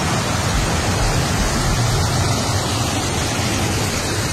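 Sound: heavy rain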